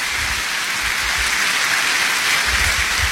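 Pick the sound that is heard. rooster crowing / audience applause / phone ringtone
audience applause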